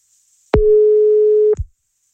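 A single one-second burst of a steady, mid-pitched telephone ringing tone on an outgoing return call, clear and fairly loud, starting and ending with soft clicks, with silence around it.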